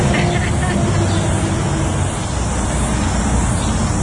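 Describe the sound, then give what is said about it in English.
Steady, loud traffic rumble from cars and motorbikes passing on State Highway 53 in the Wairarapa, a continuous wash of engine and tyre noise with no single vehicle standing out. “So, and also cars and bikes, as you can hear.”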